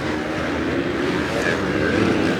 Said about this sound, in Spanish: Híjole, la adrenalina al escuchar el rugir de los motores, ver 18 expertos en la pista es histórico una vez más.